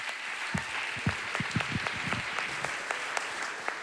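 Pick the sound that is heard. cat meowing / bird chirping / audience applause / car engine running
audience applause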